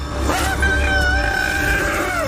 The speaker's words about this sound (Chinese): 大象愤怒的长啸将游客吸引了过来。 它还是一头小象。